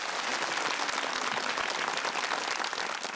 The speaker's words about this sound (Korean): 자, 이번에는 국악계의 꿈나무를 만나보는 순서입니다. 어떤 멋진 신동이 우리 국악 한마당을 찾아와 줬을까요? 여러분 큰 박수로 맞이해 보겠습니다.